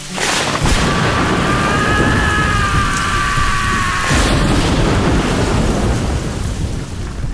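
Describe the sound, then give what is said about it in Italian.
Heavy rain from a thunderstorm under dark clouds in a forest pours steadily throughout, a dense hiss with low rumbling underneath, while a thin wavering tone hovers over it for the first few seconds. “Ci sono i nuvoloni neri, quindi portati il tuo ombrello di ferro comprato dagli indiani in metropolitana a 4 euro e goditi il suono della natura.”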